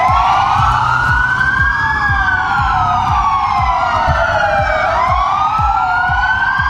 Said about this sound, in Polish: w poniedziałek, około południa. W całej Polsce zawyły policyjne syreny. W południe mundurowi oddali hołd zabitemu sierżantowi z Dolnego Śląska.